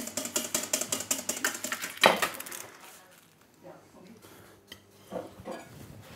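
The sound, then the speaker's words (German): A whisk beats rapidly and steadily against a metal bowl, whisking hollandaise sauce in a kitchen, for about two seconds, ending in a louder clatter, followed by quieter scattered clinks and faint background voices. “Der schlägt und schlägt und schlägt die Hollandaise.”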